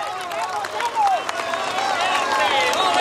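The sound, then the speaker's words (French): A roadside crowd cheers and applauds as cyclist Tadej Pogacar rides past, arriving at the summit of the col d'Orlino. A steady loud wash of clapping mixes with many overlapping shouting and whistling voices throughout. “Le bain de foule, les applaudissements pour Tadej Pogacar qui arrive au sommet du col d'Orlino.”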